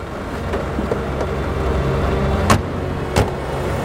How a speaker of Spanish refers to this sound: El coche sale del recinto psiquiátrico. Circulan por las calles de Madrid.